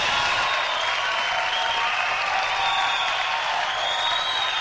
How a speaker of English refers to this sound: That's enough of the employees. Don't give them too much applause. You know the heads won't get out of the building, will they?